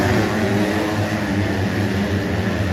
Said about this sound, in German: Und wir gucken mal nach Teutschenthal. Da brüllen nämlich an diesem Wochenende ja schon die ganze Zeit die Motoren.